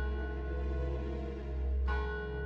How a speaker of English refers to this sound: Far, far away, I could hear church bells or death bells. Was it real? Was it my imagination?